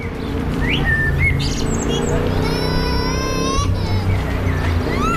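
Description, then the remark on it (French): Birds chirp and sing in quick, high trills and whistles, layered over a steady low rumble of background noise with faint voices. “Écoutez-moi ces oiseaux.”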